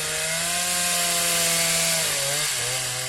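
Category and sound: sound effect, chainsaw sound effect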